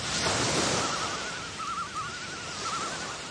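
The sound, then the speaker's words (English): A steady, soft wash of ocean waves, like surf rolling in, with a faint wavering whistle-like tone drifting over it. No one speaks. “And a wave softly sent him off out to sea.”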